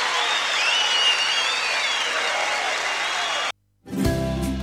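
An audience applauds the Chiquichanco de Mataderos choir, a steady loud wash of clapping with some cheers and whistles, then it cuts off abruptly into a brief silence before music begins.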